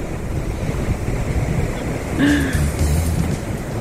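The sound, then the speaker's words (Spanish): Sea waves rush and wash in a steady, continuous roar, with gusty wind buffeting the microphone and a faint brief tone rising partway through. “Oye, qué rico el sonido del mar, me relajé.”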